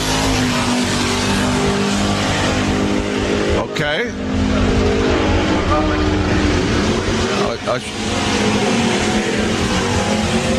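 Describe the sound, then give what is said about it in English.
Bracket racing cars roar loud down a drag strip coated with tar for traction, a constant engine blare with two sharp pitch sweeps as cars launch and scream past; a voice briefly speaks. “And in short, bracket racing, the fastest car don't necessarily win. They have to. Here they go.”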